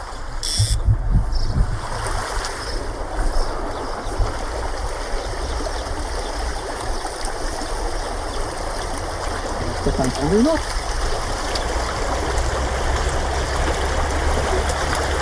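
Steady rushing of a flowing stream, a continuous wash of water noise with no pauses, and a few faint brief sounds rising briefly above it.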